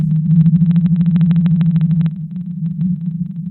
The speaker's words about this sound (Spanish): En 1989, la Marina de los Estados Unidos descubrió esta ballena cuando sus instrumentos captaron la extraña frecuencia de su canto. Ahora escucha el canto de la ballena azul.